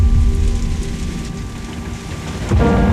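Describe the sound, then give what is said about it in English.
Heavy rain pours down near Baini village, bringing a sudden flash flood, in a dense, steady roar with a deep low rumble beneath it, swelling louder again toward the end. No voices are heard. “She drove through the heavy rain, but on the way, she was caught in a sudden flash flood.”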